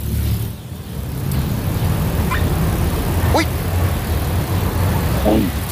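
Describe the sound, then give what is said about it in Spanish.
A lawn mower runs steadily, its low engine drone holding constant throughout, with a few brief high-pitched squeaks or yelps cutting through now and then. “ya, cortar el césped forma la, parte de la naturaleza la, de tu casa”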